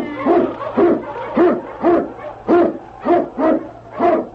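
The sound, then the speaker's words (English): A husky sled dog, King, an Eskimo lead dog in the radio drama The Challenge of the Yukon, barks and howls in a steady run of about eight loud, yelping calls, each rising and falling in pitch, with no one talking. “On King Yukon, you husky!”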